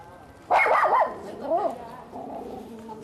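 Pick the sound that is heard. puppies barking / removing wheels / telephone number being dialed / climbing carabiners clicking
puppies barking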